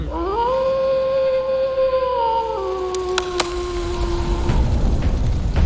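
wolf howling

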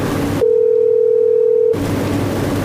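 phone call ringback tone

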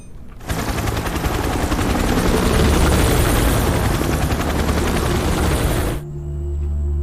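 helicopter flying

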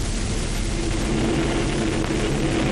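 military airplanes flying overhead

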